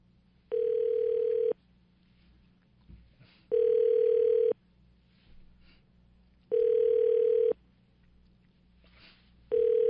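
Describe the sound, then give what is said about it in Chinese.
A telephone ringback tone for an outgoing call to Lu Guorong, chief editor of the magazine Xiangjian Xiaolu, repeating four times as a steady one-second buzz followed by about two seconds of quiet, over a faint low hum; the call goes unanswered and is transferred to voicemail. “好，现在打电话给他啊，通了。”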